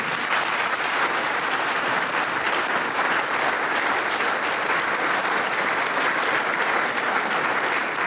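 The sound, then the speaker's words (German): Sustained audience applause honoring 70 years of clarinet playing, a dense, steady wash of many hands clapping at an even loudness, with no voices standing out. “Du kriegst einmal einen Applaus für 70 Jahre Klarinetten.”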